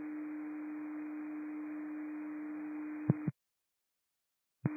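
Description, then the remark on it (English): A steady, single-pitched radio dispatch alert tone signalling a new alarm for unit 3927 hums over static hiss for about three seconds, then cuts off with a click into silence before a brief burst of the tone returns. “New ALM received tones, and you can show 3927 en route.”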